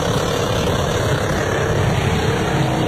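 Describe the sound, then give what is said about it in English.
A Holden Commodore engine roars loudly and continuously, a dense, steady drone with gritty rumble underneath, held at high revs as an 86-year-old woman driver does tyre burnouts for her birthday. No voices. “There she was in her Holden Commodore U. Oh, no. Helmet in tow. In her own car or a special car? Just thrashing out some burnouts”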